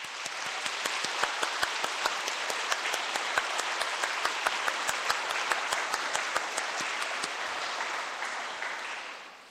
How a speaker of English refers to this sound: Let's give her an applause for this coronation.